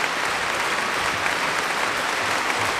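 Sustained, dense applause from a large concert-hall audience at a competition, after a performance with the Great Symphony Orchestra of Polish Radio and Television from Katowice conducted by Jerzy Maksymiuk; a steady wash of many hands clapping at an even loudness, with no voices standing out above it.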